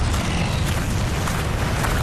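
A heavy, unbroken drone of bomber aircraft engines, a dense low rumble with a rough hiss layered on top, holding loud and steady throughout with no voices.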